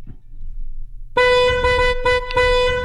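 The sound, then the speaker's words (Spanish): A car horn honks in a quick pattern: one long blast, a brief short beep, then another sustained blast, loud, following a low engine rumble. “El programa, si tocan el claxon así, significa que alguien cerca de ustedes está escuchando el programa también”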